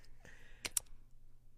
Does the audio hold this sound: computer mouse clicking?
yes